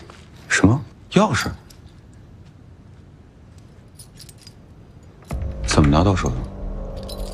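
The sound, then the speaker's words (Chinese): A bunch of keys jangles in two quick, close shakes, metallic and bright, then goes quiet before a voice-like murmur rises near the end. “不对，我只能不注意，把钥匙偷回来了。”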